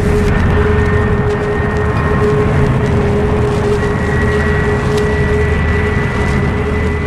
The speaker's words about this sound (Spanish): El pequeño jet de combate enfila proa hacia el cielo ganando altura a velocidad vertiginosa. Es como un halcón de acero que va en busca de su presa.